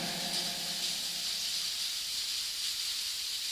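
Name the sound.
rain falling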